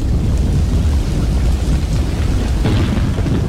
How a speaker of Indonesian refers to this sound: Seberapa hari ini hujan deras terus nih. Takut ada banjir, bencana.